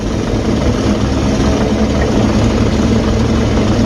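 car engine running

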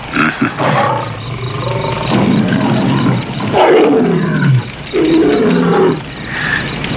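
big cat roaring

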